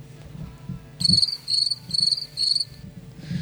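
Four crisp, buzzing cricket chirps repeat in a steady rhythm after a brief quiet start, fairly loud and close over a low background rumble, with no one talking.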